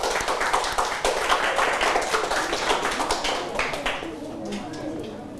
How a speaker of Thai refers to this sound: โอเคปรบมือให้กับเพื่อนนะครับ